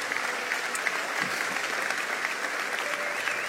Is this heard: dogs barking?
no